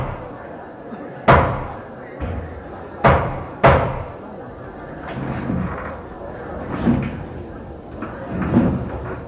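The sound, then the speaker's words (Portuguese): A door slams shut with loud, sharp bangs, three or four heavy hits in quick succession, followed by muffled voices and shuffling. “Porta.”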